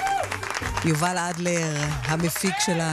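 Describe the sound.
Steady applause for the technical operator of the broadcast runs underneath a man speaking clearly over it, the clapping forming a continuous dense wash rather than distinct claps, moderately loud throughout the brief stretch.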